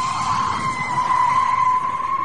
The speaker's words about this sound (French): Petit grincement de pneu d'une voiture, écoutez bien.